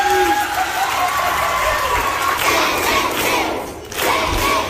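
A large crowd gives introductory applause, cheering in a steady, loud roar of clapping mixed with shouts and high whoops, dipping briefly near the end before swelling again.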